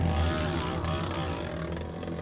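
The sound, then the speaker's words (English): A motorbike engine, seemingly with its exhaust ripped off, drones loudly and steadily during a race at Dark Canyon. Its rough, rasping roar holds constant throughout with no voices. “I'm just here above Dark Canyon and I can hear one of the bikes sounds really funny. It looks like somebody's maybe ripped an exhaust off or something like that.”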